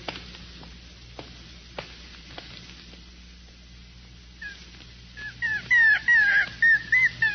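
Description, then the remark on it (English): A pup aboard a ship at sea whimpers, with a series of high, wavering whines in the second half after a stretch of faint rustling and soft clicks. No one speaks. “It's okay, pup. It won't hurt much. It's all right.”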